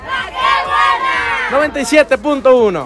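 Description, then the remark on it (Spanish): A crowd shouts loudly together, a dense wall of voices that keeps going for a few seconds, with individual yells rising out of the noise near the end. “Familia, si ustedes también quieren ganar como ellos, hay que llegar gritando bien fuerte.”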